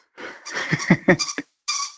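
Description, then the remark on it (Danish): A small dog plays with a rubber squeaky toy in the background of a radio broadcast: a quick, uneven burst of high-pitched squeaks, a brief quiet, then one more drawn-out squeak. “Det er en lille hund, der har et pivedyr.”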